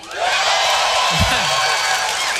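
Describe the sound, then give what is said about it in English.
A stand-up comedy crowd in the land of 10,000 lakes claps and cheers in a dense, steady wash of applause, with a brief low whoop rising out of the noise midway through. “You guys are pumped up because you're clapping because you had so much to do with that.”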